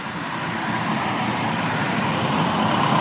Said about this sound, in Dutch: Ja, oh, daar komt een auto aan.